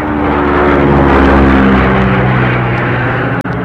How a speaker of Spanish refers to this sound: La avioneta hizo un giro para continuar en la ruta señalada.